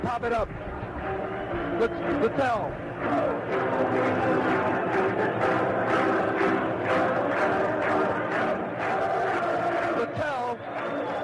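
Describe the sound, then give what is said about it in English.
A crowd of about 45,919 fans at a White Sox baseball game chants the 'na na' goodbye song together, a dense mass of voices singing in unison at a strong level, growing louder as more fans catch on and join in. “A chorus of Nana goodbyes sneaking through the crowd, getting louder and louder as the fans start to catch on.”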